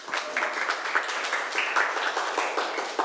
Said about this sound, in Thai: เก่งมากค่ะปรบมือให้ทั้งสองคนหน่อยค่ะ